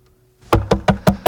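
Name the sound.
knocking on a door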